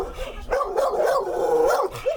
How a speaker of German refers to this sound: Die Hunde machen jetzt natürlich Krach, weil ihr alle fremd seid. Ja, die kennen euch alle nicht und deswegen machen sie jetzt ein bisschen Krach hier.